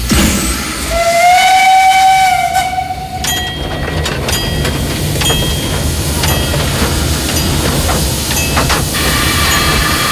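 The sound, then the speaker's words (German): A steam locomotive gives a loud, sustained whistle blast, then pulls away from the station through a palace park with hissing steam, rhythmic chuffing and the steady rumble of rolling wheels. “den leiten wir dann in den Zylinder und dann raus machen wir dann die Bewegung, um die Lok anzutreiben.”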